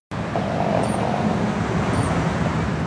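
Cars roll past on a wet road, a steady wash of tire hiss and engine rumble with no voices. Two faint high chirps briefly rise above the traffic.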